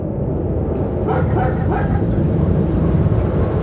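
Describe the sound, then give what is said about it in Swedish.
Laika, an ordinary dog from Moscow taken to the Russian space base at Baikonur, gives a few short barks and whimpers near the middle, partly buried under a constant loud, low mechanical rumble that fills the whole stretch. “Men innan Laika blev en internationell Celebrität och stjärna i klass med rockstjärnorna, war hon en alldeles vanlig hund från Moskva som tillfångatagits och transporterats till den ryska rymdbasen i Baikonur.”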